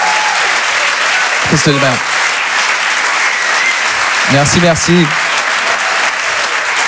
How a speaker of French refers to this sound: Vous pouvez l'applaudir très très fort